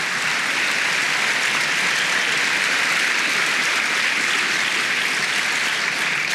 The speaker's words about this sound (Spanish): Oh, dele palmas al Señor, dele palmas, dele palmas.